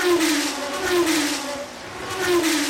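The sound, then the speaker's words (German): A race car engine roars and revs at high speed, its pitch rising and surging in repeated waves, loud with no talking. “Kleine Frage, schlägt Ihr Herz auch höher bei schnellen Autos?”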